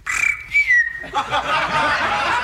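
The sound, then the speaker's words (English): A person whistles an imitation of a canary: a steady, high whistled note slides gently, then breaks into a fast, warbling trill that keeps going to the end. “What kind of bird was that? Well, what was it? That was a canary.”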